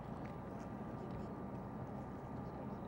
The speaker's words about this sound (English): Now we see the boats coming into Galveston Bay on their first lap. Once again, Team Florida, Chiller, Mobile One, Cutting Edge, and Taz in this first of two heats in S-Class.